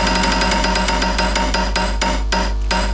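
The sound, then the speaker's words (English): A prize wheel, spun by the DJ on a radio show to pick a lucky caller in a Ballarat Trailers and Tow Bars giveaway, turns with rapid, evenly spaced ratcheting clicks that grow sharper and more spread out toward the end, over a loud, steady tonal backing. “Hey, DJ, spin that wheel.”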